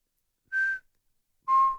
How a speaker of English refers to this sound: And that call is just quite unusual. Have you been anywhere in the country, just being nosy, have you been anywhere in the country where you've heard a kōkākō calling? It's like a bell.